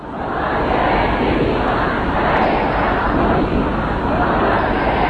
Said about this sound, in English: What we can hear there, more mourners fill the city of Mashhad for the last several days of funeral proceedings. Crowds shouted slogans against any compromise with the US and denounced the American and Israeli leaders.